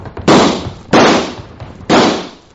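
gunshots fired

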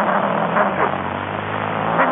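car driving

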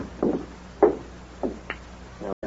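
door being unlocked

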